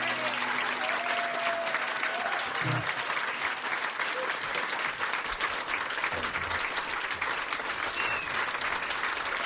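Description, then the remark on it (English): Sustained audience applause fills the whole stretch, a dense, steady wash of clapping at an even level with no break, with a few faint whistles or cheers poking through. “Lots of applause there.”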